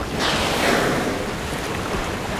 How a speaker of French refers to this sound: J'entends le bruit des vagues qui se fracassent contre les falaises. Nous sommes au bord de la côte sud de l'Angleterre.